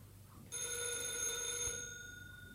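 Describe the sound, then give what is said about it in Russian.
A telephone at a dacha (country house) rings with a bright, steady metallic tone that starts abruptly and sustains for about two seconds before fading, heard alone with no voices. “Это меня. Одну минутку. Да, я слушаю.”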